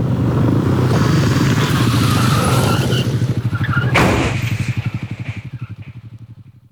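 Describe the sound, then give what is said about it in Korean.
A car's tires skid loudly over a heavy engine roar in a sudden traffic accident, then a sharp crash-like hit partway through, after which a pulsing rumble slowly fades out. No one speaks. “갑작스런 교통사고로 몇 개월 전 세상을 떠났다.”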